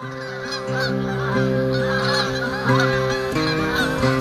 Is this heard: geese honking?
yes